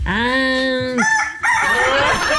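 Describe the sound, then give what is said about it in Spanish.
A rooster crows loudly, one long sustained call with rich harmonics, followed by a burst of noisy, raspy farmyard-like sound for the rest of the moment. “Bueno, si te trata de eso, entonces voy a tener que poner a mi gallo porque estaba tan mal a mi gallina.”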